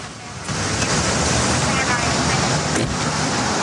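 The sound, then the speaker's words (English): A police squad car drives away from the Sundown Motel, its engine and tire roar a loud, steady rush of noise that swells in after a brief quieter moment and holds throughout. “Ken arrives back at the motel just as a squad car is leaving.”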